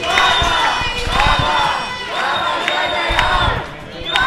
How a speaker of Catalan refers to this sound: Eren els crits dels manifestants. És el que deien les desenes de manifestants concentrats durant bona part del matí, malgrat la pluja, aquí al carrer Marina, a l'altura del passatge a Bofill